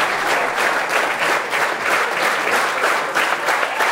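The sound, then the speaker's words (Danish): Sustained, dense applause from a large audience in the hall at the opening concert of the Odsherred Kammermusikfestival, for singer Andreas Brandelid and four other musicians after music by Ernest Bloch, steady and loud throughout, with bursts of whooping and cheering rising above the clapping. “Og hujende bifald her igen til Andreas Brandelid, fuldt af de fire andre musikere i salen her ved åbningskoncerten ved Odsherred Kammermusikfestival”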